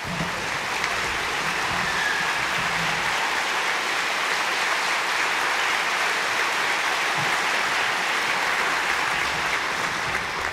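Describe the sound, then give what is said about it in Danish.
Sustained applause from a large concert audience for an orchestra, a dense, steady wash of clapping that holds at an even loud level for the whole stretch, with no voices standing out. “Og allerførst synes jeg, vi skal give et varmt bifald til det orkester, som igen i år har stablet det hele på benene.”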